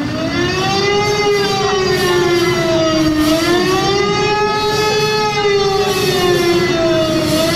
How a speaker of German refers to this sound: Mitten auf dem Platz steht mittlerweile ein großer Bus mit dem Schriftzug Adenauer und der macht dann Punkt 18 Uhr auch richtig Alarm.